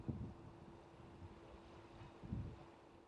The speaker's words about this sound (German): Und so steuert die Markkleeberg mit den Fahrgästen zu einer weiteren Runde aufs Wasser hinaus.